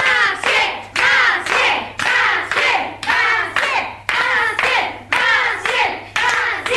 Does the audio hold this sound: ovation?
yes